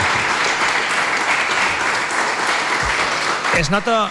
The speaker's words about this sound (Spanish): Un aplaudiment, no?, per als nostres